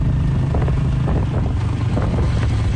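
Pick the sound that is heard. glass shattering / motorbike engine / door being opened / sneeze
motorbike engine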